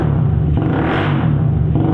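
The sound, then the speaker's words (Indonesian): A motorcycle with a modified exhaust roars loudly and steadily, its deep throaty exhaust rumble rising and swelling through a rev before settling back, with no voices present. “kau apakan kenal pot motor itu, nak? Suaranya terdengar sangat bising dan memekak di telinga papa, nak.”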